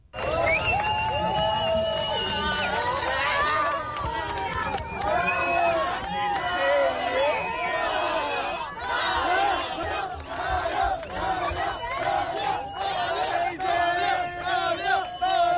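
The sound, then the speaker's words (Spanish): A large Australian crowd at a WSL surf contest cheers loudly and continuously for a surfer who has advanced to the semifinals. Many voices shout, whoop and yell together in a dense, rising roar that stays intense for about fifteen seconds. “Este es el momento en el que el público australiano le vitorea tras su pase a semifinales.”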